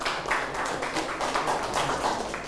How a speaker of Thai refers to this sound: โอเคยอดเยี่ยมมากเลยครับปรบมือให้เพื่อนหน่อยครับ